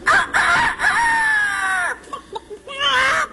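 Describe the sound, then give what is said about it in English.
A woman's voice imitates a bird, producing a loud, drawn-out rooster-like crow, then a few short clucking notes and another rising crow, with no other talking. “This is an imitation of a bird.”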